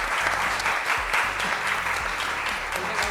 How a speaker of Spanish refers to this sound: Un aplauso también.